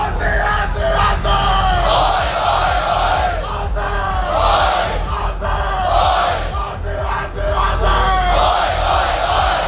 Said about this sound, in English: Garema Place in the city has been absolutely packed for today's live screening of the Socceroos World Cup clash against Paraguay. And it's been a vocal crowd, to say the least.